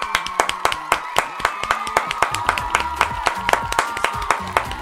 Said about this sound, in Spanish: Aplausos, por favor. Venga, te queremos. Un minuto de aplausos, por favor, un minuto de aplausos.